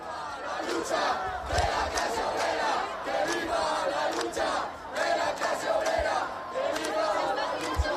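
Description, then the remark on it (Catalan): A large crowd at a protest camp, held behind a heavy police cordon, shouts and chants together in a loud, continuous roar of many overlapping voices, with rhythmic surges and occasional thumps and claps beneath. “També s'han sentit insults en contra del president del govern estatal i des de dins, després d'un fort cordó policial, els crits des de l'acampada són aquests.”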